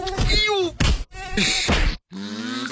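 A whining mosquito buzz drifts in and out, mixed with pained groaning and a few sharp slapping thumps from a person not using insect repellent, with brief silent gaps between bursts.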